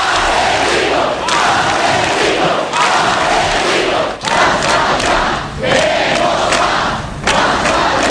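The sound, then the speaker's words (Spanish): A large street crowd in Ermua shouts a chant against ETA in a loud, sustained roar of voices, rising and falling in rhythmic bursts with brief dips between phrases, dense and continuous throughout. “Ese grito fue el espíritu de Ermua.”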